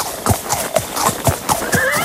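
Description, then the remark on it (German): A horse trots along with a steady, even clip-clop of hooves, about two beats per second, while a bright whinny rises over the hoofbeats near the end, fairly loud. “ihr könnt eins der ersten Exemplare von uns bekommen, wenn ihr heute Morgen bei mir dieses Pferdchen hört”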